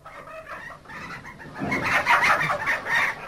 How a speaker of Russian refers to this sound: Тут куры какие-то.